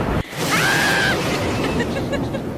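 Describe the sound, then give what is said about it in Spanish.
Heavy rain starts suddenly in Tijuana as a dense, steady roaring hiss that fills the whole clip, loud, with a brief faint cry or whistle rising over it early on. “¡Ya está lloviendo! ¡La ropa, oigan! ¡Vayan por la ropa!”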